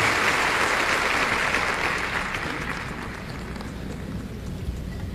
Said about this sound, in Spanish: Démosle un aplauso a nuestro Dios.